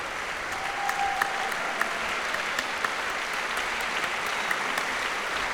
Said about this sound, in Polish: Bassem Akiki teraz oklaskami dziękuję orkiestrze i raz jeszcze prosi muzyków, by powstali.